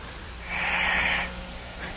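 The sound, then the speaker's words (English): A single breathy snore from a 17-year-old boy in deep sleep, drawn out for under a second, a raspy hiss over a low steady hum, followed by quiet with a faint start of another breath at the end. “And listen to his snoring.”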